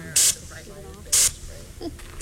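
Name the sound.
bear spray canister discharging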